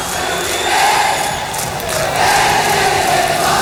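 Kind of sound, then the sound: crowd, audience applause and cheering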